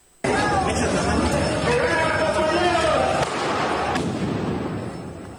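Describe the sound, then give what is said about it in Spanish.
A dense, noisy protest crowd roars throughout while sharp bangs of thrown firecrackers crack out intermittently within the din, loud, with shouting voices layered over the commotion, at Venustiano Carranza and 20 de Noviembre streets. “Y justamente en la zona de Venustiano Carranza y 20 de noviembre le lanzaron petardos.”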